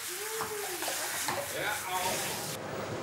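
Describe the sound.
Cold shower water sprays in a steady, loud hiss throughout, with brief voice-like tonal cries rising over the spray before the hiss thins abruptly near the end.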